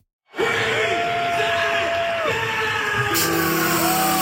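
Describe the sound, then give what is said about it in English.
A loud, steady roar of hockey fans cheering in the sold-out Canadian Tire Centre at the Ottawa Senators' home opener against the Philadelphia Flyers, during a tribute to Ray Emery before puck drop, rising suddenly and holding for several seconds, with long sustained tones and shouts drifting through the crowd noise. “They were all dressed in his old jerseys as fans in the sold-out Canadian Tire Centre cheered them on, honoring Emery, a former Sens goalie who drowned in Lake Ontario in 2018.”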